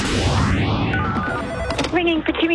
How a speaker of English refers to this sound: Ringing for …. Please hold the line.